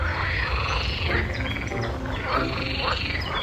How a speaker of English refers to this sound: Here, you'll likely think you've gotten lost, but don't worry. If you hear a chorus of toads arguing on lily pads in the distance, you're in the right place.